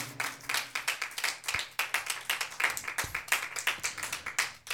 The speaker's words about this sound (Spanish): Aleluya. Démosle palmas a Dios, hermano. Amén.